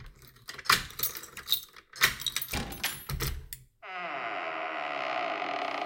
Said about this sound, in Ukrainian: Ох, і реплять петлі. Таке враження, ніби ці двері 100 років не відчиняли.